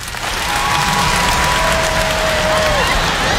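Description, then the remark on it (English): A crowd breaks into sustained applause when asked to clap if they think they would go to heaven, dense overlapping clapping filling the room at steady loudness for a few seconds, with a faint tonal whistle or hum running underneath. “By round of applause, how many of y'all think if the world were to end right now, clap if you think you'd go to heaven?”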